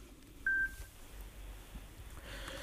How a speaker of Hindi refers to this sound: Timer खत्म हो गया।